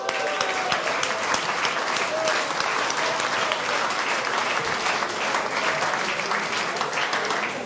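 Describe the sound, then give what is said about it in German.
A crowd applauds steadily for several seconds, a dense, even patter of many clapping hands with no pauses and no voices standing out. “Das ist doch ein Applaus wert.”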